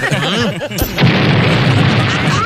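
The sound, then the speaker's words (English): A man talks briefly, then a sudden loud propane tank explosion cuts him off, followed by a sustained roaring, crackling rumble that fills the rest of the moment; a room full of LP gas tanks next to a lit flame. “Just look at this room, full of LP gas tanks right next to a lit flame.”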